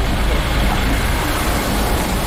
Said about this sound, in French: Il y a des gyrophares dans la rue des Étapes Claudiennes, pas loin de la place Chardonnay ou autour de la place Chardonnay. Je vais avancer. Il y a 3 camions de CRS.